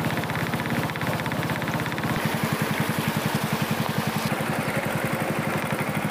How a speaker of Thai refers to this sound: คือเราจะจอดรถไว้โซนนู้นซึ่งเป็นโซนที่นักท่องเที่ยวมาเที่ยวกันแล้วเราจะข้ามสระบัวเนี่ยมาอีกฟากหนึ่งเลยนั่งเรือมาแบบนี้นะครับ